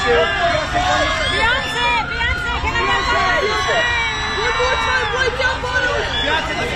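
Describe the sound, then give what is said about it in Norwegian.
A dense crowd clamor at a red carpet event, with many overlapping voices of press and crowd calling and shouting questions at once, a continuous loud babble with rising and falling cries throughout. “Vi hører litt lyd ved fra den typiske rød løper.”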